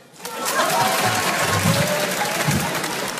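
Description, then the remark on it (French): An audience at a comedy sketch show by a comedian breaks into steady applause, a dense wash of clapping that starts abruptly and holds at an even, fairly loud level throughout, with faint voices mixed in. “Ok, mesdames et messieurs, petite question avant de commencer mon petit sketch par applaudissement. Qui me connaît?”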